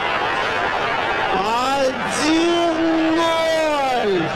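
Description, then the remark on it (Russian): A big stadium crowd roars after a goal scored by Aleksandr Kerzhakov, in a loud, steady wash of noise, with a few sustained tones rising and falling in pitch above the din, like chanting voices or horns. “Публика в восторге, естественно.”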